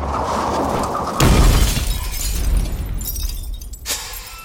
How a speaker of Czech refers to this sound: Co to bylo? Přejeli jsme druhou sondu.